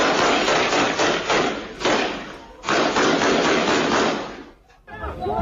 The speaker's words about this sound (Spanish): A diario se enfrentan a escenas como la que vamos a escuchar ahora, captada por imágenes de seguridad. Hace apenas unos días, dos personas armadas se bajaban de una moto para disparar indiscriminadamente a varias personas.